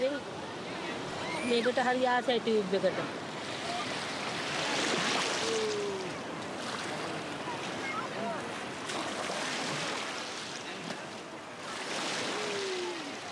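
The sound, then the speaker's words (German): Waves break on a sea shore in repeated broad washes that swell and fade every few seconds, with a child's high voice calling out briefly near the start and faint voices in the background. “Aber wenn die Wellen kommen, kriegt er Angst. Bei Wellen springt er auf meinen Arm.”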